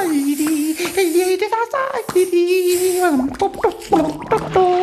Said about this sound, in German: Der kleine König rast ins Badezimmer, plätschert herum, trällert.